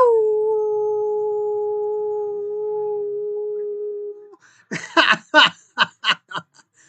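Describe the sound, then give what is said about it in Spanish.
A person imitating a wolf sends howls to listeners: a long, steady wolf-like howl holds one pitch for about four seconds, then cuts off into a quick run of short, breathy bursts that sound like snickering laughter. “me gustó para compartírselas a todos ustedes, a los cuales les envío aullidos.”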